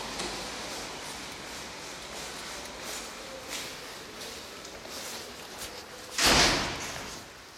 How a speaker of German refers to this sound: Jetzt bin ich vor einer Holztür und muss nochmal einen Code eingeben. Okay, und durch.